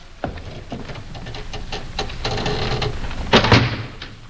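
A heavy door is shut on a prisoner with a run of clanking, rattling mechanical clicks, ending in a loud thud near the end. No one speaks.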